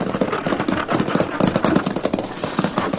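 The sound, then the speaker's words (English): Stagecoach horses' hooves clip-clop in a steady, brisk rhythm on a stagecoach road, the repeated clattering beats overlapping as if from a team, with a low rolling rumble underneath and no voices. “Selecting an isolated, lonely spot along the stagecoach road, the Arbuckle Kid suddenly appears, shotgun in hand, and carefully takes up his position, crouching under the near horse.”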